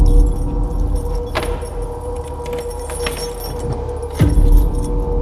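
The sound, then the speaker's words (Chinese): Keys jangle and clink as someone unlocks the door of a tenant's rented room, followed by a heavier clunk near the end as the door gives way, all over a low steady background hum. “开门。”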